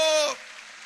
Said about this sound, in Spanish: Alguien puede aplaudir al Rey de Reyes. No, levántele el volumen. Vamos, amplifica el volumen de su aplauso para Cristo.